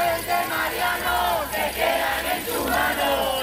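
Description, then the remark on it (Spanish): Neighbours and a tenants' union protest the eviction of a 67-year-old pensioner from his home, chanting and shouting together in loud, rhythmic bursts, many voices rising and falling in unison with a steady, insistent cadence. “A pesar del stop desahucio de los vecinos y el sindicato de inquilinas...”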